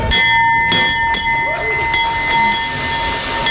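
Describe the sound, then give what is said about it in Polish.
A new stock exchange opening bell in Poland rings loudly and continuously for several seconds to open the trading session, a steady metallic tone over a noisy, bustling background. “Dźwięk nowego dzwonu brzmi podobnie do poprzedniego, ale wygląda nieco inaczej.”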